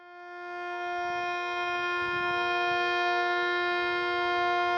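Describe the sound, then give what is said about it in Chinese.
A steady, droning air-raid siren, sounded across the whole city of Shenyang, China, at 9:18 for three minutes, rises to full volume and holds a sustained, harmonic wail, with faint rumbling traffic and horns underneath as passing vehicles stop and honk. “九点十八分，沈阳全城拉响三分钟防空警报，警报声划破长空，过往车辆停驶并鸣笛，火车及轮船拉响汽笛三分钟。”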